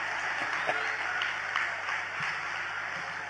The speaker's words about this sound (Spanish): Aplaudan, yo espero, ¿eh? Si no, lo veo.